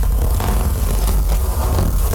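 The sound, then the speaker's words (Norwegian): Paper rustles and crinkles steadily for a couple of seconds, a loud, dense scratchy texture with brief crackling bursts over a low rumble, and no voices. “Men vil dere høre lyden av papir da?”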